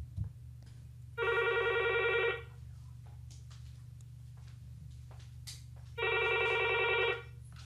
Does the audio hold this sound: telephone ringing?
yes